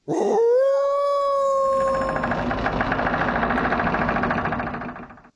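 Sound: wolf howling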